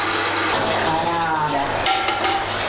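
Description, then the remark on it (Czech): Whey drains from soft, fatty curd cheese (tvaroh) and trickles steadily into a bucket, a continuous splashing, gurgling stream of liquid that stays fairly loud and even for the whole few seconds. “Takže nic nepřijde na zmar, už nám syrovátka stéká do kýble a ten tvaroh je takový vláčný, pěkně vidět, že je tučný.”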